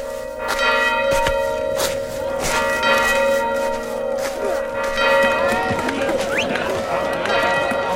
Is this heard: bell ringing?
yes